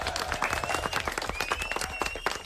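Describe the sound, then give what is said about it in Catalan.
A group claps together after a word game in a dense, rapid burst of applause that holds steady for a couple of seconds, with a faint high-pitched voice or squeal rising through the clapping. “Fort aplaudiment.”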